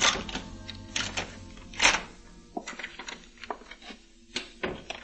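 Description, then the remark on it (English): A key scrapes and clicks in the lock of an alley door at 10:47, with a louder metallic clunk as it turns, then a few more rattles and knocks as the door is pulled open. No voices. “The time was 10:47 when I slipped my key into the lock of the alley door.”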